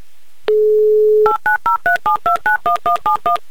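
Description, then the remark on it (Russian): A steady dial tone hums briefly, then a telephone number is dialed to call a listener, a quick, even run of about eleven DTMF key beeps, loud with no voices. “Набран номер телефона Михаила”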